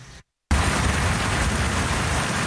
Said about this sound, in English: A serious storm also hit the Edmonton area on Saturday night as multiple outdoor festivals were well underway